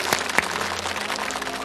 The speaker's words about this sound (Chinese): 好吧，我们再次掌声送给这家幸福的人。